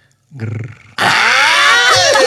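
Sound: voice imitating a growl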